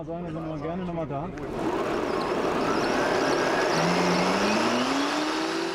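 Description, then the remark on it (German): A brief voice opens, then a worn-out electric fatbike stopped at a police bicycle check in Gronau accelerates with no pedalling, up to 38 km/h, its steady whine climbing in pitch over loud rushing wind and road noise. “Auch ohne Trittimpulse beschleunigt es auf bis zu 38 km/h.”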